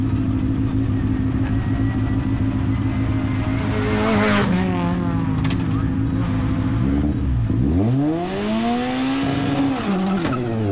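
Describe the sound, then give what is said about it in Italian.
A Fiat 600 rally car engine screams at high revs under full throttle, hitting the rev limiter, pitch holding steady, then dropping and climbing again in sharp sweeps, loud and continuous throughout. “Eccolo lì, anche qui limitatore a palla, gas giù a tutta.”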